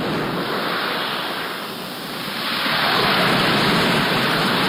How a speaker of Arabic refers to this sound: تأمل معي البحر بأمواجه وأحيائه، تجدها آية من آيات الله وعجائب مصنوعاته، وكم لله من آية.